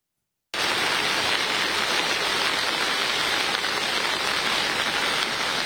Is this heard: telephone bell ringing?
no